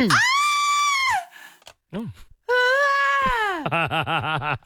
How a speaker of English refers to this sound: our audio producer, has managed to find me just the most classic female scream that I'd like to play and then we'll hear yours again.